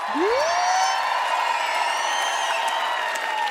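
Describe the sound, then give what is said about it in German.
A crowd applauds steadily and loudly throughout, a dense wash of clapping, with a sharp rising whistle cutting through at the start and faint cheers mixed in. The audience is applauding the lighting crew of a show. “Und kann ich eben so grossen Applaus haben für Raphael Kunz und für Kilian Brocci am Licht?”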